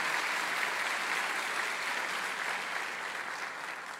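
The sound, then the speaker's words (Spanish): The audience of the Iglesia Cristiana Filadelfia in Bogotá, Colombia, applauds in welcome: a steady, dense wash of many hands clapping at an even level throughout, easing off slightly toward the end, with no voices audible. “La Iglesia Cristiana Filadelfia les envía un caluroso abrazo y un aplauso bien grande a todos ustedes de bienvenida.”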